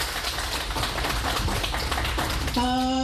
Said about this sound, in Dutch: Mag ik nog een applaus voor de panel?